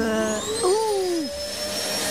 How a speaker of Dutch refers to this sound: zet jij even die stofzuiger al nog aan? Want je hebt er echt een zootje van gemaakt. Ja, overal kruimeltjes.